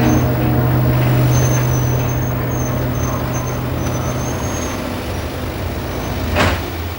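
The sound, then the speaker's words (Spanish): A car engine rumbles steadily as the vehicle rolls slowly into the garage of a house in a residential development, with a faint high whine overhead and a short whooshing burst near the end. “Mete el coche en el garaje de la casa.”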